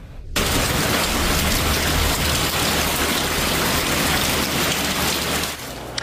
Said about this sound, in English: Some more rain earlier today and surprise pools filling up and decks getting wet.